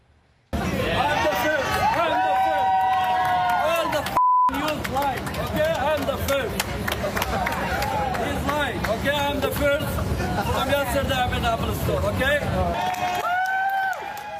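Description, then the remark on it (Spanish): A loud crowd commotion with many overlapping voices shouting and chattering continuously, a few electronic beeps near the start and end, as a man who cut the line runs out of a store in Sydney, Australia, holding up a new iPhone 18 and shouting he was the first in the world to buy it. “Un hombre se coló en la fila, salió corriendo de la tienda con el teléfono en alto, gritando que era el primero del mundo en comprarlo,”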